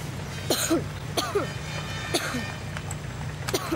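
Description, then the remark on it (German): Four short coughs spaced about a second apart, each a sharp burst with a brief voiced tail, over a steady low engine-like hum. “Deinem Husten müssen wir wirklich mal wieder zum Arzt.”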